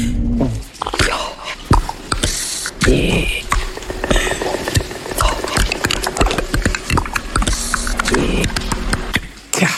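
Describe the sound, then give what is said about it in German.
Eerie alien sound effects from a trailer for the film Disclosure Day, coming from a TV weather presenter played by Emily Blunt: a dense stream of sharp clicks and crackles over warbling, wavering tones and breathy hisses and gurgles, fairly loud and continuous throughout. “Solche außerirdischen Geräusche kommen dann plötzlich aus der hübschen Wetterfee und alle Zuschauer gucken staunend zu.”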